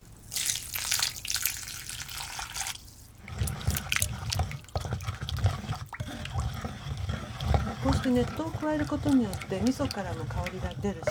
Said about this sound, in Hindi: अब आपके पास तिल के दानों, मछली और मिसो पेस्ट का मिश्रण तैयार हो गया होगा। इस मिश्रण में 500 मिलीलीटर गर्म पानी 2 भागों में डालिए। सारा पानी डालने के बाद मिश्रण को अच्छी तरह मिला लीजिए।